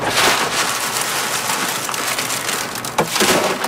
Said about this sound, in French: C'est pour aller chercher le haricot à l'intérieur. Je les écrase avec les mains. Puis après, avec le vent, j'envoie ça ici, on appelle ça vanner. Je sais que là, avec le vent, la ça s'en va, puis le grain il tombe.